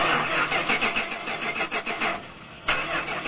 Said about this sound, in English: Oh, this is so frustrating. That's the fifth time this car refused to start. I think it's finally time to replace it.